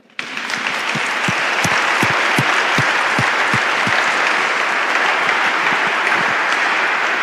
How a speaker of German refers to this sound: Ich würde sagen, da geben wir mal einen Applaus dafür.